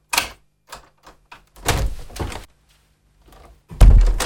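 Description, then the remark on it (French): A door is handled: a latch click, a few light taps and rattles, a longer creaking sweep as it swings wide open, then a heavy thud at the end. No voices. “Alors, lui qui avait ordonné à des milliers d'hommes de marcher vers la mort, vaincu par les larmes d'une femme et de ses deux enfants, il ouvrit grand sa porte.”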